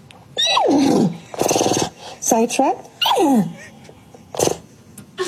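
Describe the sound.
A person imitates a horse neighing, 'speaking neigh' to tell listeners about the show Sidetracked, with loud, wavering whinnies that slide down in pitch, two longer calls and a few shorter bursts, with a brief spoken word between them.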